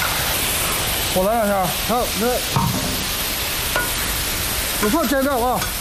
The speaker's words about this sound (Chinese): 热锅烧油，新鲜的猪肉便可以入锅爆炒了。